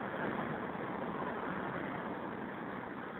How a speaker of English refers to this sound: It's my favorite kind of payphone. It's like out in traffic, practically in traffic, right on the curb. Northern Boulevard and 41st Street.